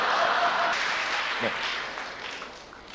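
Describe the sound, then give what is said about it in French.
An audience, men among them, applauds, a steady wash of many hands clapping at an even level throughout, with a brief voice-like murmur rising through the noise partway along. “Même les hommes applaudissent, ça c'est extraordinaire.”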